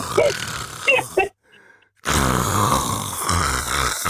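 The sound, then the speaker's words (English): A person does a loud, throaty imitation of someone snoring while asleep sitting upright and cross-legged: a short grunting burst, a brief pause, then a longer rasping drawn-out snore. “How on earth are you going to be asleep without snoring when you're sat cross-legged?”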